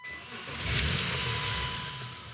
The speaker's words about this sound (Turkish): Artık arabayı çalıştırmam gerek.